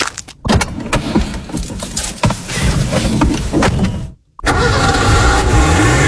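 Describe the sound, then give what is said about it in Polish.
The engine of a car just won in an RMF radio contest cranks and starts, then runs with a steady mid-pitched rumble; after a brief silence it roars again, revving loudly. No one speaks. “wygrałam samochód, jestem szczęśliwa, radosna, po raz pierwszy w życiu.”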